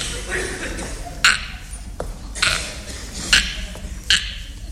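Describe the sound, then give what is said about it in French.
A telephone being dialed and ringing on a call to a hotel: about four sharp, bright electronic bursts at uneven intervals over a low murmuring background. “Ah, oui, le téléphone. Je vais y retéléphoner.”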